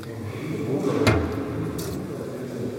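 A small door at the foot end of a shrine in the Konradkirche is unlocked with a key by a kneeling Capuchin friar and opened: one sharp metallic click, then a brief faint scrape, over a steady low background rumble with no talking.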